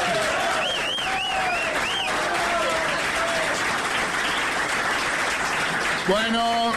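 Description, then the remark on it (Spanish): A crowd applauds in a dense, steady wash of clapping for several seconds, with a few whistles and cheers early on and a voice cutting in near the end. “Bueno, ustedes aplauden, yo tomo un trago y vuelvo, para que no se note.”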